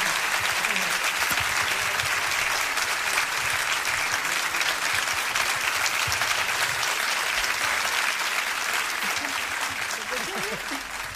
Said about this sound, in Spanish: Muchas gracias. Fuerte el aplauso.